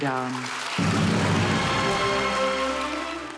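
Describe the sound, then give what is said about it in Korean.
At the Venice Film Festival, a voice briefly announces director Lee Chang-dong as winner of the Grand Jury Prize, then a loud, dense burst of audience applause breaks out and carries on steadily to the end, with someone still talking over the clapping. “이름이 호명되자 객석에서 큰 박수가 터져나오고 이창동 감독이 영화 관계자들과 악수를 나눕니다.”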